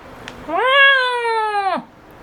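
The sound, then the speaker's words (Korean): A single loud, drawn-out meow from a large cat named Doryeonnim, rising then holding steady before dropping off sharply, heard clearly with no talking. “도련님은 현우의 마음을 읽은 듯 크게 울었다.”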